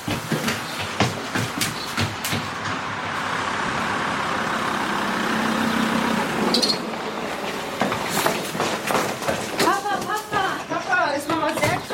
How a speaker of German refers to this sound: Da kommt dein Auto auf den Hof gefahren. Ja, Papa ist da.